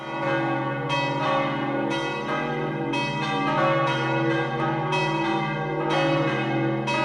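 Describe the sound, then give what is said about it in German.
Several church bells of the Roman Catholic church of Sachseln in the canton of Obwalden, Switzerland, peal together in a full, steady ring, strikes overlapping roughly every second while their deep, humming tones sustain underneath. Loud, with no voices. “Das ist das Glockengeläut der römisch-katholischen Kirche von Saxeln im Kanton Obwalden.”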